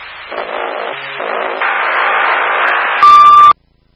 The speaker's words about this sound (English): Probably an alarm for end of life. They were functioning normally. They just need to be replaced.